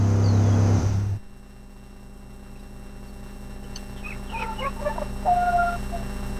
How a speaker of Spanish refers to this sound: Escuchar el canto de las aves, oiga, del gallito, creo que está con hambre el gallito, de los pajaritos. Esa es la ruralidad.